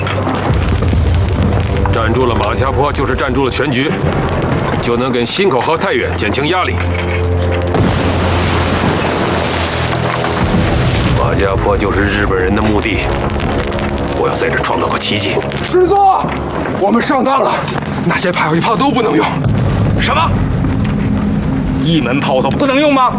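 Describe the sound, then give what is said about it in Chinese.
Deep, heavy booms of artillery and explosions from a Japanese bombardment at Majiapo roll on continuously, loud and dense, with a sharp burst of blasts midway and muffled voices mixed into the din. “听外边的枪炮声，日本人根本在狂轰滥炸，看样子他们绝不会退让。”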